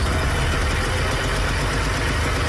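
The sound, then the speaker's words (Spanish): A small East German car engine runs steadily at idle, a rough low throbbing under a buzzy, hissing drone, loud without pause throughout. “que algunos califican como el peor auto del mundo, pero que en todo caso prodigó para los alemanes del este una sensación de libertad, movimiento y esperanza, a pesar de parecer una motocicleta grande por la fuerza de su motor.”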